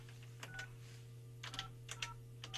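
A handful of short telephone keypad tones beep out in quick, irregular presses, fairly quiet, over a steady low electrical hum with no one speaking; a Far East Broadcasting radio producer dials a caller's younger sibling during the broadcast.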